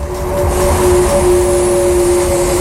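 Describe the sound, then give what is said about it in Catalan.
The electric motor of a Ferrari Luce sports car, with one motor per wheel and over 1,000 horsepower, hums with a steady, sustained tonal whine over loud, rushing road and wind noise, holding a constant pitch with no voices. “Així sona un Ferrari normal i així sona el nou elèctric.”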